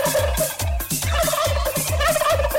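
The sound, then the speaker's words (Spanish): A turkey gobbles loudly, a rapid, rhythmic burst of throaty warbling notes repeated about eight times over a couple of seconds, with no one talking. “Al bomba le va a poner el pavo yo.”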